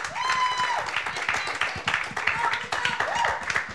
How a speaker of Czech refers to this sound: tak prosím potlesk za odvahu, že přihlásila písničku.